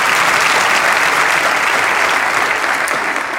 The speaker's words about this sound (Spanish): Vamos, dale ese aplauso.